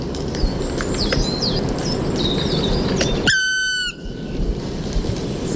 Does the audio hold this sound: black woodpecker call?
yes